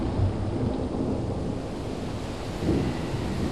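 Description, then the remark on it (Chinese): Heavy rain pours in a dense, steady hiss over Chiyang Lake, China, in 1924, while deep thunder rumbles underneath, swelling briefly at the start and again near the end. No voices are present. “几天中，池阳湖连降大雨，水位暴涨，决堤而出，黄宾虹苦心营造的世外桃源瞬间被淹没”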